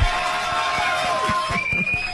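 An audience applauds and cheers steadily to welcome a guest on the program Dosis de Confianza, dense clapping filling the whole stretch without a break, with a few steady tones sounding faintly beneath the crowd noise.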